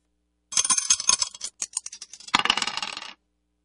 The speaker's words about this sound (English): Let's throw the dice and see which one we're going to play out of this one.